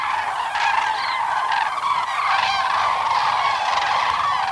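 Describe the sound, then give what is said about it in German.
A dense chorus of loud, trumpeting calls rings out continuously, many overlapping honks and rolling notes from cranes flying in the evening over watching visitors toward their roosting places on shallow Bodden lagoons near Bramort and Großer Werder, with no talking. “Mit einem zufriedenen, satten, trompetenähnlichem Geräusch ziehen sie abends über die Köpfe der schaulustigen Kranichbesucher in Richtung ihrer Ruheplätze.”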